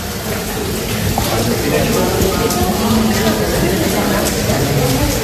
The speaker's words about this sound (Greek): Ο άνθρωπος με το κουστούμι, με ανοιχτή ομπρέλα και μέσα βρέχει. Σε όλο το αεροδρόμιο. Κι όμως είναι το αεροδρόμιο, παιδιά, της Χίου. Όμως είναι το αεροδρόμιο. Παντού βρέχει μέσα. Μέσα στην αίθουσα.